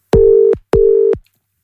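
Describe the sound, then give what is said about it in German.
Two identical steady telephone ringing tones, each about half a second long with a short gap between, as a caller presses a button to call someone back and the phone rings on the other end. Clear, with no voices. “Da drücke ich mal da drauf und dann klingelt's. Und ich hoffe, sie geht dran.”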